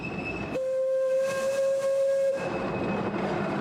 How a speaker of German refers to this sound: Wir sind unterwegs auf einer Waldbahn in den Alishan-Bergen. Die Dampflok ist nur noch selten im Einsatz.